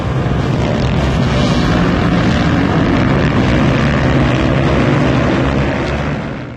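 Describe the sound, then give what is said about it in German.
Loud roar of stunt motorcycle engines at a motorcycle stunt competition on Eilstedt airfield, Germany, droning continuously with a gritty, buzzing growl, holding steady throughout before easing slightly at the very end; no voices. “German Stunt Week. Spektakuläre Stunts auf 2 Rädern. So klang es.”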